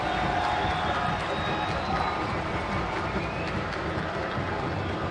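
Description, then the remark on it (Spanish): A football stadium crowd applauds and murmurs in a dense, steady wash of clapping and voices as a player wins a corner kick on the right side, holding at an even loudness for several seconds, with no clear speaker standing out. “Y la gente se acerca y le aplauden.”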